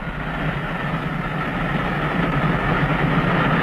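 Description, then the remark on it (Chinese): A steady, loud rumble of a train moving along the rails, with a continuous low-frequency roar and rattling that holds constant throughout, no voices present. “麦肯锡上校从死者身上发现了一张到斯德哥尔摩的火车票，断定在逃的那个已经上了火车”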